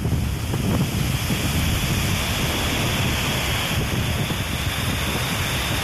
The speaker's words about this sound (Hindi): नदियों में बारिश के पानी की वजह से बहाव इतना तेज है कि आसपास के लोगों में खौफ पैदा हो गया। वलसाड़ की ये तस्वीरें अपनी कहानी खुद बयां कर रही हैं। पुल के नीचे बहते पानी की धार जैसे सब कुछ बाहर ले जाने पर आमादा है।